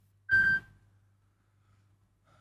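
An electronic telephone ring: a short, loud tonal burst, then a quiet pause before the next ring begins and cuts off at the end. No one speaks.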